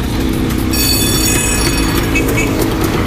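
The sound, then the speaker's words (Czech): A tram-style bell fitted to a vintage Czechoslovak scooter rings out over a loud, steady rumble of engines during a group ride at a historic scooter rally near Kutná Hora, Czech Republic; its bright metallic tone sustains about a second before fading under the noise. No one speaks. “I když by se podle zvonění mohlo zdát, že spanilá jízda vede ulicemi Prahy či jiného města, kde jezdí tramvaje, tak ve skutečnosti jsme kousek od Kutné hory.”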